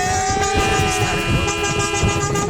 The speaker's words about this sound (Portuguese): Ó, não é só, ó, é caminhoneiro, é taxista, é todo tipo de gente buzinando.